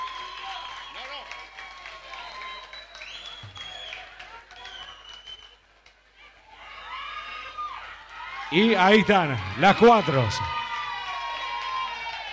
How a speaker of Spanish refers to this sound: Muchísimas, fuertes los aplausos a las señoritas también, que esta noche se hicieron presentes. Muchas gracias.